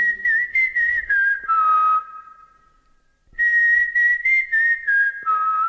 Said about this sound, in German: War das nicht unser Erkennungspfiff? Doch, ganz klar.